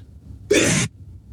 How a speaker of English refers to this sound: I'm going to sneeze. God bless you, Father. Oh, my goodness.